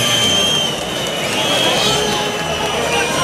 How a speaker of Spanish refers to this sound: Y el que sí se lleva los pitos es el toro, ¿eh? Se lleva una pitada el toro sobrero monumental.